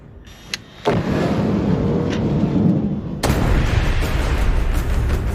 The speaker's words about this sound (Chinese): 看着爆炸时巨大的火球，我都有点后怕。